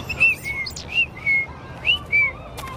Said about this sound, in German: Das war kein Spatz, das war so ein kleiner Piepmatz mit ganz roter Brust. Ach, dann war das ein Rotkehlchen. Von denen hauen einige im Winter ab in den wärmeren Süden. Im März kommen sie zurück.